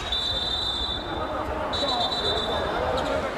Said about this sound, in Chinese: 刚才这一下是观众吹哨的吗？